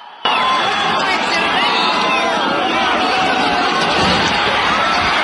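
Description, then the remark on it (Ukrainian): A large, agitated crowd shouts and yells all at once, many overlapping voices rising and falling in a dense, continuous roar that stays loud throughout. The crowd has gathered around an enlistment notification group in the Sykhiv district of Lviv, Ukraine, at 9 p.m. on 8 July, arguing and then smashing and overturning an official vehicle. “Навколо групи оповіщення збирається натовп. Починається словесна перепалка, а згодом юрба починає трощити і перекидати службовий автомобіль.”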